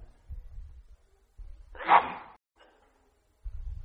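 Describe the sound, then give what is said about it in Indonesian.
A single sharp sneeze bursts out, loud and brief, with quiet low rumbling before and after. “Alhamdulillah. Yahdikum Allah.”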